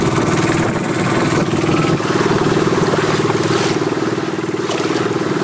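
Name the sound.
fishing boat motor running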